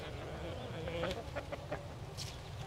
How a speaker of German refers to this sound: Das sind jetzt knapp 300 Hühner.